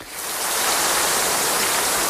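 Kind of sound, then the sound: nature, heavy rain falling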